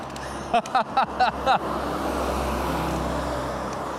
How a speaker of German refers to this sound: Wir müssen hier hoch und dann in die Richtung zur Bushaltestelle. Aber erst müssen wir vom Gleis weg. Da fährt ein Bus.